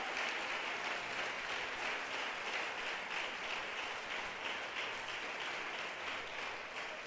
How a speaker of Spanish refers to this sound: Gloria a Dios, démosle un aplauso al Señor ya que se lo está dando.